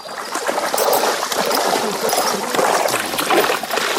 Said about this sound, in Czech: Tady máme třeba Frenka a ten miluje vodu, takže ten nám tady i chvilku postojí a nechá se osprchovat.